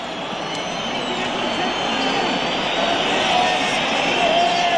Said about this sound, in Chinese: 之前这个比赛现场的球迷一直是嘘声震天啊，在1-0的时候就感觉不太满意，1-1的时候更不满意，那现在1-2不用说了。